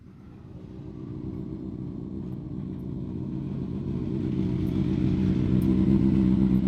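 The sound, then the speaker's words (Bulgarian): Several motorcycle engines roar and rev on the streets of Varna at the opening of the 2026 motorcycle season, a dense low rumble with rattling, throbbing texture that steadily grows louder over the few seconds, no voices. “А по улиците на Варна моторният рев е все по-често срещан.”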